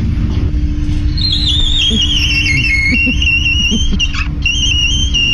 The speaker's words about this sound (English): It sounds like a really scared mouse. It really does. Yeah. It sounds like the teapot is going off, right? Yeah, that's really what it sounds like there. But people have been sending us their squeaky doors too, which we just love.